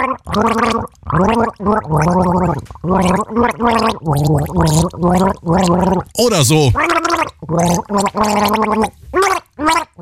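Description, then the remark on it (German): Someone gargles a song with a sip of water in the mouth for the rest of the team to guess, the bubbling voice rising and falling in pitch through a string of melodic phrases with short pauses, loud and steady, ending with a brief spoken remark. “Das Ziel, mit einem Schluck Wasser im Mund ein Lied gurgeln, das das restliche Team dann errät.”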